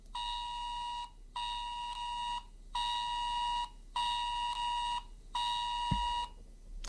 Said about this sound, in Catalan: Aquesta és la senyal d'alerta. Hem rebut aquest missatge.